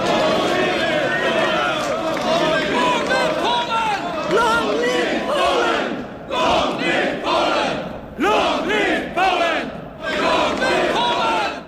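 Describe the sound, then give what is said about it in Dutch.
A crowd shouts "Long live Poland" together in loud, overlapping waves, with rallying cries surging and briefly dropping off before rising again in a rough, repeated rhythm. “Lang leven Polen, roepen de mensen.”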